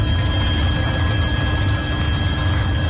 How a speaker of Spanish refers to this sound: Sonido de los helicópteros, el fuego de madrugada ha avanzado un poco, ha bajado de intensidad.